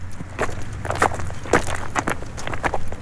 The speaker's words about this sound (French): En marchant sur des galets noires